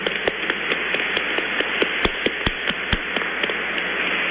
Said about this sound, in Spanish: Un aplauso para Monseñor.